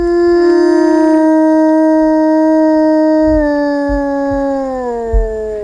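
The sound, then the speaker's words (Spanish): A real wolf howls to call its family, in one long, unbroken, steady tone that slowly slides lower in pitch toward the end. It is loud, with no other voices. “El aullido del lobo, el que escuchamos, un aullido real, un aullido llamando a su familia, este lobo.”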